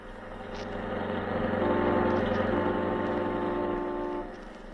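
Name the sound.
car driving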